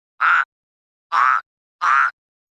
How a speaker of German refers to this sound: Den habt ihr bestimmt auch erkannt. Das war ein Frosch.